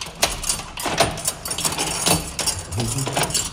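Metallic jangling and clicking of keys unlocking two locks on an opening in the wood paneling of a church, with sharp clinks and scrapes scattered over a steady background hiss, followed by a low rattling clunk near the end.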